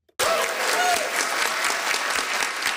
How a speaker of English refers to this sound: The Inuit Circumpolar Council's new declaration got a round of applause as it was approved.